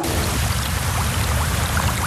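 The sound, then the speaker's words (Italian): A steady, dense rush of very fast water jets striking a seated person's body, producing tiny ultrasonic bubbles in the pores, hissing continuously with a low rumbling undertone and no voices. “All'improvviso, il corpo viene investito da rapidissimi getti che fanno esplodere nei pori minuscole bolle a ultrasuoni.”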